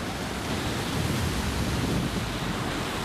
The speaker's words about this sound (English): And right now, this should be the perfect season. All along this coast, all along the Caribbean coast of Central America should be good. It shouldn't be windy like this, and it's been blowing like, they tell me it's been blowing for a week now